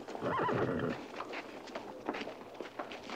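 A horse whinnies loudly for about a second, its wavering neigh followed by scattered hoof clops on hard ground as it moves about nearby.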